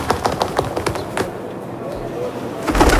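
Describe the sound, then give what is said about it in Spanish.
A pigeon coos softly amid a jumble of clicks and clattering knocks, with some indistinct voice-like sounds and a louder burst of noise near the end. “suena paloma, ¿no?”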